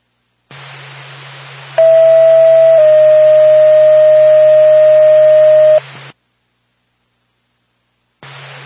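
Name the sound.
ambulance dispatch alert tone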